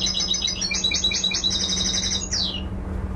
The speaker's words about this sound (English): So this engineer was listening to bird songs on a laptop when you met him.